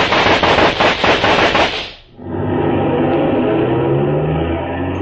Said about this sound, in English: were those shots?